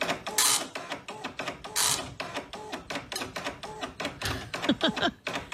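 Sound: dot matrix printer printing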